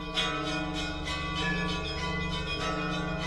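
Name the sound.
church bells ringing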